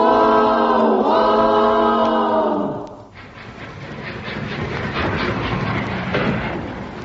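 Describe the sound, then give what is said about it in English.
A train pulls into a station: a loud, sustained horn blast for about three seconds, then a steady rumbling clatter of wheels and carriages rolling along the track. “And would you believe it, the train was on time.”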